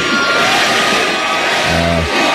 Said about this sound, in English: Crowd started chanting, Granny, Granny, as she crowd surfed for about a minute at the Rock the Country Festival in Texas.